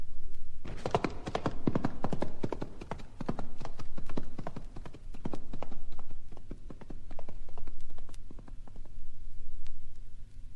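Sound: horse hooves clip-clopping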